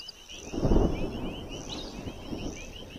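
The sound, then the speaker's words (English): A low rumble of thunder from a tropical storm swells early and then rolls on beneath a steady wash of storm noise, while insects or birds keep up a thin, continuous chirring high above. “Already, the vultures seem resigned to the storm.”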